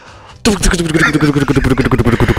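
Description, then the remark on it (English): A voice imitates a helicopter, making a loud, pulsing chopping sound with a steady rapid rhythm that starts abruptly and continues throughout. “And a helicopter.”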